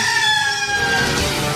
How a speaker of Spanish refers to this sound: Ahí, ya se escucha el canto. ¡El gallo! El gallo.